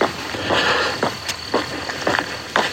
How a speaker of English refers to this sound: Even the animals are quiet at this time of day. In fact, I've heard almost nothing except my footsteps until just now.